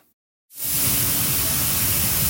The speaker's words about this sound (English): The sound of thousands of tons of Canadian durum wheat being loaded on a ship at the port of Churchill feeds renewed optimism about its future.